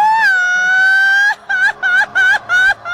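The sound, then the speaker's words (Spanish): A traditional Mexican grito, shouted as the flag of Mexico enters: one voice holds a long, high, steady cry for over a second, then breaks into five quick, warbling yelps in a loud, rising-and-falling rhythm. “Oye, y deja de eso, es que también quiero preguntarte a ti, échate tu grito mexicano.”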